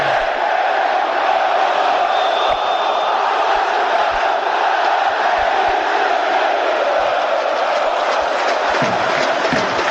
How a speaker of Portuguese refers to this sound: A torcida do Vascão aí cantando.